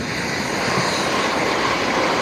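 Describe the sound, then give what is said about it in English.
A train rumbles past by a links golf course in Scotland, a steady broad roar with a faint hiss on top that holds evenly throughout, with no voices. “Oh, there's a train off to where?”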